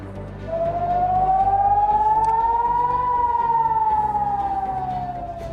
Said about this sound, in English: That is sirens going off a short while ago in Haifa,